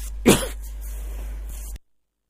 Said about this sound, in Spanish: Voy a toser.